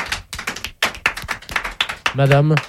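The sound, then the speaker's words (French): An audience of children applauds a woman with dense, steady clapping that rolls on throughout, and near the end a voice calls out loudly over the applause. “Madame, figurez-vous que parmi tous ceux qui vous applaudissent, il y en a un qui a un survêtement rose.”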